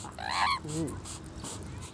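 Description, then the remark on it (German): A loud, harsh squawk from an Amazon parrot being showered with water rises and falls, quickly followed by a lower, shorter squawk, with fainter calls trailing off in the background. Raspy. “Rabea ist nicht nur Amazonendolmetscherin, sondern auch Amazonenkörperpflegerin.”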